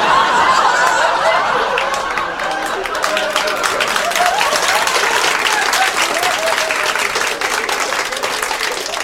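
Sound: audience applause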